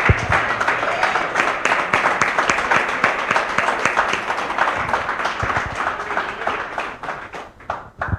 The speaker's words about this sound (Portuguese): Vamos aplaudir a Deus a vida deles, amém?